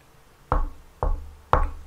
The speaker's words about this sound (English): And you knock on to your door. A zaklepete na vaše dveře.